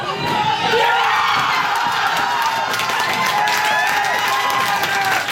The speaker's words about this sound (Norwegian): Også i Bergen ble det stor spenning og jubel.